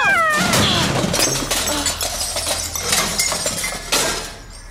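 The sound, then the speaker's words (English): In an alley, the cat Boswell gives a loud, falling yowl, then a clattering crash as a person standing on a trash can to reach him tumbles into the garbage can, followed by several sharp bangs and rattles before the noise trails off. “I didn't tell you to knock me into the garbage can while you were doing it.”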